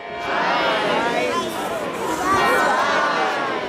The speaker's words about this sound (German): So klingt das Thure-Michele normalerweise am Michaelistag. Der Engel fährt aus dem Fenster des Perlachturms. Mit jedem Glockenschlag sticht er auf den Teufel ein. Die Kinder auf dem Rathausplatz zählen mit.